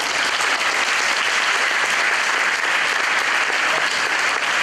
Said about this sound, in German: Am Ende gab es noch eine kleine Überraschung. Der Glauchauer Oberbürgermeister zeigte, dass er mehr ausbalancieren kann als verschiedene politische Meinungen. Achtung! Applaus!